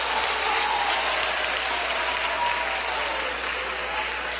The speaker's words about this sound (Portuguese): Desocupem as suas mãos, batam palmas e glorifiquem a Jesus.